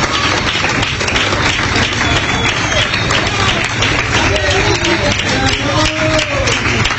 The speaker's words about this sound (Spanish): Qué lindo esos aplausos, hermano. Dan un ánimo terrible ustedes de seguir predicando, hermano.